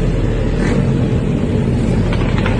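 Loud, continuous rumble of dozens of motorcycles riding the wrong way down a street in Punta Carretas at 1 a.m. on a Friday night, a dense steady roar of street traffic with no pauses and no voices.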